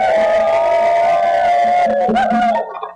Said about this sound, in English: And of course, we're not all of you, so I'd like you all to give a round of applause for yourselves for coming out.